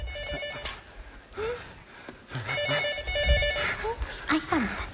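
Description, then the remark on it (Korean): A patient's phone rings with an incoming call, an electronic ringtone in two repeated bursts, moderately loud, while people talk and exclaim over it in Korean. “환자한테 전화 온 것 같습니다.”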